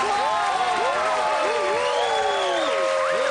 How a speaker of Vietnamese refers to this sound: Xin một tràng pháo tay dành cho tất cả fan hâm mộ